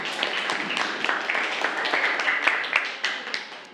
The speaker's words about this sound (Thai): ปรบมือปรบมือเพื่อน